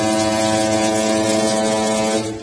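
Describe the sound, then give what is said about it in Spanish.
A single loud, sustained blast of a ship's horn, a deep, buzzing tone rich in overtones that holds steady for about two seconds before cutting off. “A la cuenta de tres, quiero escuchar la bocina de nuestro barco.”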